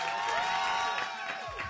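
An audience claps and cheers together in a sustained burst of applause, with a few whoops rising over the dense wash of hands for the whole short stretch.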